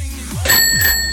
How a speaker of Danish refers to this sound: Haha, klokke ringer.